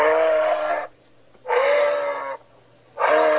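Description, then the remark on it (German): A moose in Grünheide, Brandenburg, Germany, gives three loud, drawn-out grunting calls, each nearly a second long and separated by brief pauses. The calls are clear, with no voices or other sounds around them. “Neben den E-Autos gibt's da jetzt auch Elche.”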